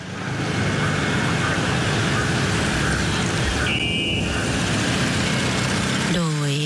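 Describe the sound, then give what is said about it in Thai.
A royal car carrying royal remains rolls slowly along tree-lined Ratchadamnoen Road in the evening, toward the Grand Palace, its steady engine rumble blending with broad traffic noise and a murmur of voices from crowds lining both sides, ending with a brief wavering tone. “ซึ่งขณะนี้รถยนต์หลวงเชิญพระศพทะเบียน1ดอเด็ก0929ได้เคลื่อนผ่านไปตามแนวต้นไม้บนถนนราชดำเนิน”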